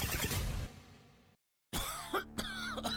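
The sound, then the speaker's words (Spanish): Loud coughing in two harsh bouts split by a brief moment of silence, the second bout rougher with a throaty, strained edge, in a radio advertisement for Cuatecomate, a lung tonic from Ocotsol. No one speaks. “Las flemas, la tos, el asma, las afecciones de las vías respiratorias te impiden trabajar.”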